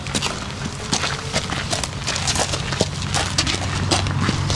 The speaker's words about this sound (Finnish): Nämä askeleen äänet kuuluvat lämminveri ruunalle nimeltään Paavo.